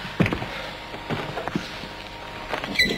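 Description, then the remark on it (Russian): A door being unlocked and opened: a few sharp metallic clicks and rattles, then a brief high squeak as it swings, with no voices. “Откройте дверь сами.”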